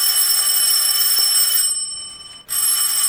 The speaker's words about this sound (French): Léon! Léon! Téléphone! Je vais répondre à sa place.